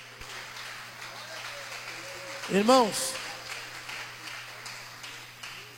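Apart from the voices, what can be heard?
audience clapping hands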